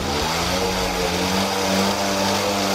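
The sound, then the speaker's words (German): A group of 30 mopeds and mofas buzzes along through Ostwestfalen, Germany, from Delbrück to Kirchlengern in steady rain on the Momoto charity tour, their small engines droning loudly and steadily with a rough, overlapping whine throughout. “Und das gilt auch für Mofa- und Moped-Fans. 30 davon sind heute durch Ostwestfalen gefahren, obwohl es unentwegt geblästert hat.”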